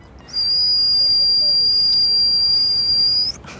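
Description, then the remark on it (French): A young accordionist's mouth imitation of a pressure cooker: one loud, piercing whistle held at a steady high pitch for about three seconds, then cut off abruptly, with no talking. “Un jour, un son est sorti de ma bouche, ça ressemblait à une cocotte minute.”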